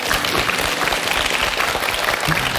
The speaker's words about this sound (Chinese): 真的我们把掌声送给吴总。